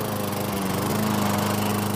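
A lawn mower engine runs steadily in a summer garden, a loud continuous buzzing drone at a constant pitch with no voices over it.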